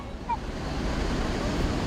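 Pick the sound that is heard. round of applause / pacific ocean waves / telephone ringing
pacific ocean waves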